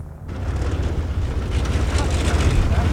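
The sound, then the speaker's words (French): A light propeller glider tow plane arrives, its engine droning in a steady, low, rumbling roar that swells slightly louder over the few seconds, with no clear speech over it. “Voilà, le remorqueur est arrivé.”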